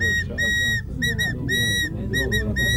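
A scout blows a shrill pipe whistle in the fire-brigade signal for spraying water, a pattern of several loud blasts, long ones mixed with quick short toots, over a low background rumble.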